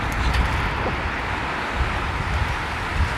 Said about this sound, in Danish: Ej, det er jo bare så dejligt at kunne høre bølgernes brus, der lige her ved siden af, hvor vi står nærmest.